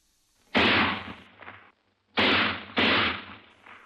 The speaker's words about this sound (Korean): 땅, 땅, 땅. 련발로 울리는 세 방의 총소리에 궁선이는 자기를 쏘는 것이라고 생각하고 몸을 흠칫하였으나 그렇지는 않았다.